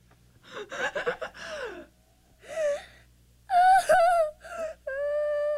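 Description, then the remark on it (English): A baby who had stopped breathing after being shut in an airtight cooler gasps and sputters in a quick burst as it starts to breathe again, then lets out a few strained, rising whimpering cries that grow into a steady wail, fairly loud with short pauses between. “He is now.”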